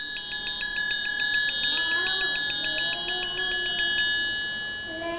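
A triangle is struck by a teacher as a signal sound for children, in a fast, steady roll of bright metallic hits for about four seconds, then left to ring out and fade, with faint children's voices in the background.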